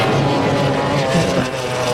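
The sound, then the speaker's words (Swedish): A Formula 1 racing powerboat on the water, number 9, driven by Mette Bjerknes, roars loudly and steadily as it drives past, a dense continuous mechanical drone with buzzing harmonics that holds at full volume throughout, with no voices. “Det är lydna båtarna. Detta var Mette Sjöld som kör förbi.”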